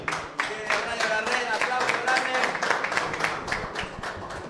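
An audience applauds for Messi with a dense, steady stream of many overlapping hand claps that holds at an even, fairly loud level for several seconds before easing slightly at the end.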